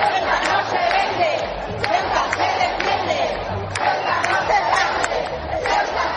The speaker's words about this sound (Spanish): Un momento de júbilo y de ilusión en el que también se han pronunciado cánticos en favor de la soberanía nacional.